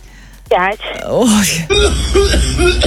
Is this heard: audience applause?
no